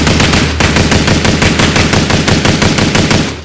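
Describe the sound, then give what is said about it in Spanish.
A rapid, continuous burst of automatic gunfire, with sharp shots repeating evenly in quick succession for several seconds, loud, with no voices. “No tengo el audio de los disparos para contar con precisión.”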